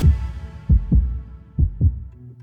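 Two deep heartbeats, each a quick lub-dub pair of low thumps, sound close and loud over a dark rumbling drone, ending in a soft sustained low tone.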